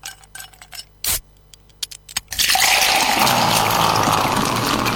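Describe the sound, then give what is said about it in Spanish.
A few sharp clinks like ice knocking in a glass, then a steady, loud fizzing pour of soda that hisses and crackles for several seconds, with no voices. “una marraqueta crujiente, solita, sin nada, pero con un vaso de Coca-Cola con hielo.”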